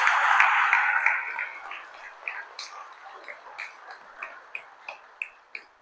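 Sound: audience applause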